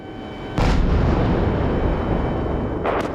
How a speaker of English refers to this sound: Kyiv under attack. Waves upon waves of Russian missiles and drones relentlessly target the city. In battle with Ukrainian air defense, as it tries to protect the capital.